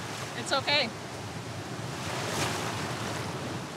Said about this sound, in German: Ich bereite jetzt unser Klassenzimmer vor. Ich sehe keine gefährlichen Unterströmungen. Es gibt nur viele Wellen. Aber ist schon okay.